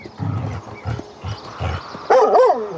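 A dog, Lassie, gives four short, deep woofs in a quick series, then lets out a louder, high-pitched whining yelp that wavers in pitch. No one speaks.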